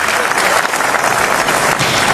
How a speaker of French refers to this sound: Ah, ce que vous entendez là, Perico, ce sont les acclamations du palais du Festival de Cannes. Standing ovation, absolument. Pendant la totalité du générique.